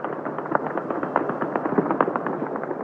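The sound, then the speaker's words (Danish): Very heavy weapons fired by Hezbollah supporters in the southern suburbs of Beirut, Lebanon, late in the evening, crackle in dense, overlapping bursts, a steady rattle of sharp cracks and thuds at fairly even loudness throughout, with no voices. “Altså noget, der lyder som en krig i virkeligheden, men som altså lyden af meget, meget tunge våben.”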